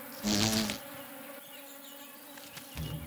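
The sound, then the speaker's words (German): Buzzing of wild bees at their nest burrows in a loess wall along a sunken lane in Germany, with a loud burst as one passes early on, then a steady low hum of several insects and another louder pass near the end. “In den Böschungen sammeln sie Nektar und Pollen. Nahrung für ihre Larven in den Brutkammern am Hohlweg.”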